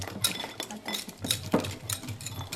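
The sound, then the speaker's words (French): A whisk clatters rhythmically against the sides of a bowl while stirring melted chocolate and butter for a brownie, producing quick metallic clinks and scrapes with no voices. “Là, je suis en train de mélanger le chocolat.”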